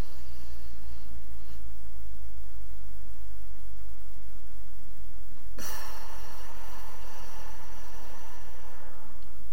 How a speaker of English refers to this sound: That is it, dear listeners. Those four repetitions, that is the exercise. It's called 4-7-8 breathing. You do it four times in a row, just like we did now.